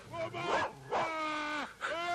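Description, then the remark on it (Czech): A dog lets out a few sharp barks that slide into high, drawn-out whimpering whines, fairly loud with no talking. “Jedině jeho pes poslechne.”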